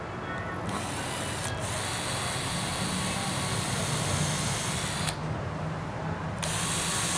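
A power drill whirs steadily as it bores a hole into wood, held as straight as possible and pushed fully in, a continuous grinding buzz with brief shifts in tone as the bit pushes in, no talking.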